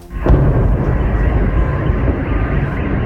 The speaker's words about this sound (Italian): Per la seconda volta in pochi giorni i moscoviti si svegliano con il boato della raffineria Gazprom che esplode alle porte della città